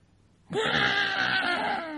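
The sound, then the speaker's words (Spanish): A voice mimics a crying baby daughter's wail. It starts abruptly and holds one loud, strained, quavering wail for about a second and a half before it trails off. “Mi hijita linda, está llorando.”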